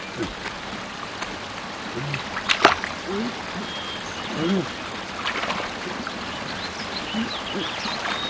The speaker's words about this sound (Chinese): 这，我怎么听见前面有水声啊？ 啊， 是啊，我老朱的耳朵大，被遮住了，什么也没听见。 就是我耳朵好，哪有什么水声啊？